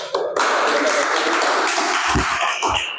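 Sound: audience clapping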